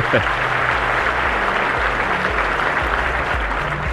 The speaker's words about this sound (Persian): دم شما گرم. اصلا جا داره تشویقتون کنیم، شما الگویی.